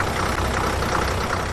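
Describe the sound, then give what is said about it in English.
A University of Alabama Crimson Ride campus bus engine idles steadily, a loud continuous rumble with a faint knocking texture and no pauses, no voices over it. “It's a rare university job indeed, whose workspace is constantly in motion and sounds like this.”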